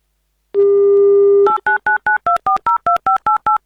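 A steady dial tone hums for about a second, then ten quick, evenly spaced touch-tone beeps follow as a number is dialed, each a short two-pitch blip, as a call is placed to a listener living in Saint Petersburg.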